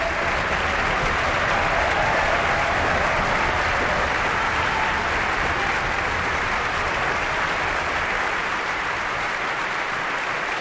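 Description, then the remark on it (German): Thunderous applause at a concert for the ORF Radio Symphony Orchestra Vienna and conductor Marin Orsop, a dense, steady roar of clapping from a large audience that holds loud and unbroken for the full stretch without any voices. “tosender Applaus für das ORF-Radiosymphonieorchester Wien und Marin Orser.”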